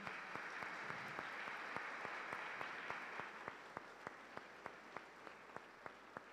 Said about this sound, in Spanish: Un fuerte aplauso.